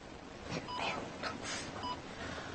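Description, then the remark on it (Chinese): A few short, faint electronic beeps from a phone keypad sound at uneven intervals as someone taps keys typing a reply to a work message, over a steady hiss of background noise. “我回个工作信息。”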